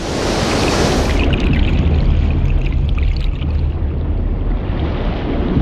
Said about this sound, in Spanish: Los sectores del arrecife situados frente al mar están expuestos al continuo embate de las olas.